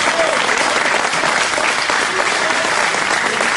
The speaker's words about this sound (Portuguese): E eu quero ver quem é que tem as mãos ungidas aí para dar uma melhor salva de palmas para o nosso Senhor Jesus.